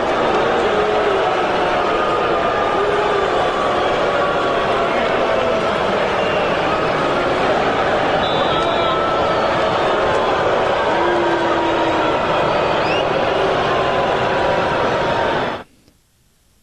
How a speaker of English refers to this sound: fans showed up to this game, showed up to Hard Rock Stadium, was to boo Tua Tagovailoa. After spending six seasons with the Dolphins, he made his return to Hard Rock Stadium tonight, and here is some of the reception that he received from the crowd.